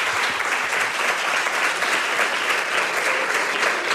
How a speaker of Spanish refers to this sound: Pues vamos a darle un fuerte aplauso para lo que vamos a ver después.